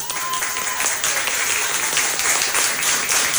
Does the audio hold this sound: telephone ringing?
no